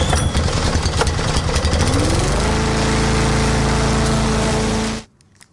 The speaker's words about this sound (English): Firing up the lawnmower. Yeah. Well, actually, it's amazing because, speaking of lawnmowers, it is middle of winter, basically. Yeah. And you still are required to be driving your lawnmower at the moment.